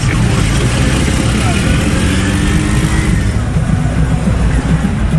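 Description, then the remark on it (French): Busy street traffic in Kinshasa rumbles steadily after rain: engines idle and rev as trucks and motorbikes carrying three pass by, a continuous loud wash of motor noise with faint voices murmuring underneath. “Terrasse avec musique, néon, vendeurs sur le bord de la route, camions improbables et motos à trois.”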